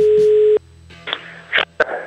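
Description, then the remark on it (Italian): A loud, steady telephone tone after a call is hung up, holding for about half a second before cutting off, followed by quieter muffled handling sounds. “Non si può buttare giù il telefono ad un professionista”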